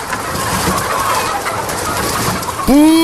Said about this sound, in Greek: Δεν βλέπεις ότι είναι κοτέτσι? Είδα κότες και μπήκα.